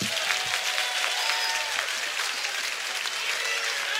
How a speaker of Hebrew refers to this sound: תנו לו כפיים